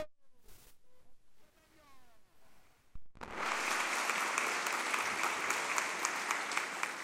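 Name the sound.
audience applause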